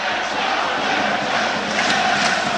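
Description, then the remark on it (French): Football supporters applauding, a steady, fairly subdued wash of clapping blended with general crowd noise that holds at an even level for a few seconds, with no voices standing out. “Les applaudissements des supporters au Serrois, mais ça reste assez timide pour l'instant.”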